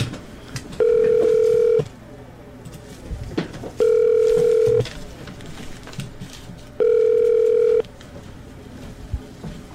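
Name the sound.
telephone line ringing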